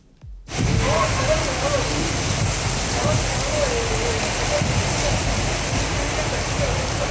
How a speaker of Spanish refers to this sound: Bueno, pues ahí está un poquito, escuchamos un poquito de la lluvia que está cayendo, de verdad bastante intensa, así que por favor cuídense mucho, repito, cuídense mucho, está lloviendo muy fuerte en varios puntos de Culiacán